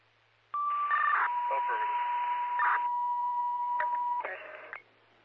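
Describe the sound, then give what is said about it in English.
A steady electronic alert tone from a fire dispatch radio, sent as cancellation tones for a rescue call at Southwind Falls, holds for several seconds over crackling radio static, shifting pitch briefly near the end before cutting off abruptly. “Southwind Falls, cancellation tones for the rescue.”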